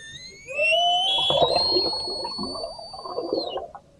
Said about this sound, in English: sound of orca... Whoa. Get even louder. Sound of orca whales in the Strait of Gibraltar